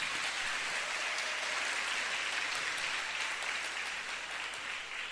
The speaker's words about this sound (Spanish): Un saludo a todos ustedes en esta hermosa comunidad, a todos los que nos escuchan ahora mismo en directo a través de la emisora Minuto de Dios. Un aplauso para ellos.